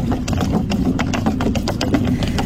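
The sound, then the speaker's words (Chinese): Suitcase wheels rolling over uneven pavement outside a hotel in Taipei, a steady loud rumble broken by rapid, irregular clacks and jolts that continue throughout without any voices. “但答案呢其实是行李箱，因为它经过了比较不平的这个道路，所以发出了这个蛮大的声音。”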